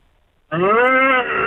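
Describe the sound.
After a short silence, a person's voice lets out a single loud, sustained low moo, imitating a cow. It holds steady for about a second before fading slightly.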